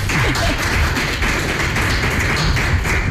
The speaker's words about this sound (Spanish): Vamos a aplaudir al director del festival.